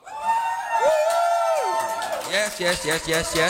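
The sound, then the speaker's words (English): A live crowd of real people, not a rented crowd, cheers and whoops on Radio Free Tankwa, with high rising and falling yells layered over a steady roar of voices, staying loud for the whole few seconds. “That's actual people. We don't have a rented crowd.”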